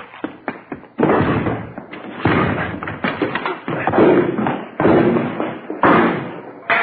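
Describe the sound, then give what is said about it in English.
Heavy, repeated thuds and bangs as police officers force a door open: several loud, irregular impacts hammering against wood, the first few sharp and brief, then longer crashing blows. “All right, let's go. Hit the door.”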